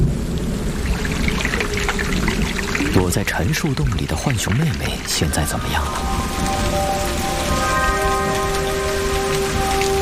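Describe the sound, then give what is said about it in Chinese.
Steady, dense patter of hail and rain with low rumbling thunder beneath, from a hailstorm lasting only a few minutes over woodland and grassland, continuous throughout, while a narrator speaks over it; faint sustained musical tones rise near the end. “还好，这场冰雹只持续了短短几分钟。冰雹逐渐停止，破败的树林和草地又恢复了平和的状态。”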